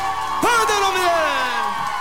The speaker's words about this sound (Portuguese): Salva de palmas.